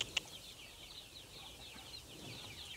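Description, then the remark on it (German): Soft, continuous clucking from a few young chickens, including a young rooster trying to get back into its enclosure, fairly quiet, with one brief sharp click near the start and no voices. “Das ist typisch Hahn.”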